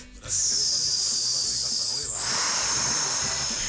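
Carne asada sizzles loudly on a grill in a steady, bright hiss that starts abruptly and keeps going, its texture turning broader and rougher partway through, with no talking.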